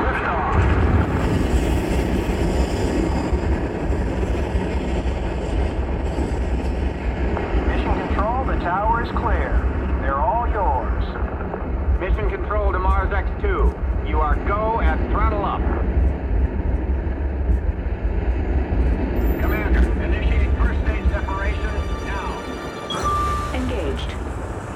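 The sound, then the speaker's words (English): A deep, continuous rocket-engine roar at the launch of the first mission to Mars rumbles steadily throughout, loud and unbroken, while voices talk over it partway through before the thunderous noise carries on alone. “All of us here at Mission Control are proud to be a part of this historic liftoff of the first mission to Mars”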